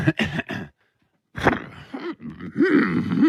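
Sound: person imitating an elephant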